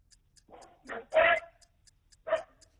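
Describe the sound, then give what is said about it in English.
A dog barks four times in short, uneven bursts, the third bark longest and loudest, with a pause before the last one. Faint, steady ticking runs underneath. “It's clear as the dog said the answer. It went, taser, taser, taser, taser.”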